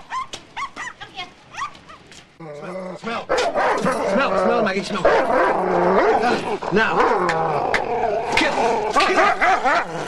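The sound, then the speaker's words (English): Three small terriers bark and yap excitedly and loudly as an old lady leaves her house with them. A few scattered yips give way to a dense, overlapping chorus of high barks and whines that keeps going without a break. “He looks through the back windows of the van as the old lady leaves her house with her three terriers.”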